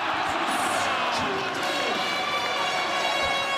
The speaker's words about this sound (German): Ganz viel Jubel. Zu Recht. Immerhin hat die deutsche Fußballnationalmannschaft Curaçao mit einem 7:1 besiegt. Und ihr fandet es einfach nur cool, das in der Eishalle zu verfolgen.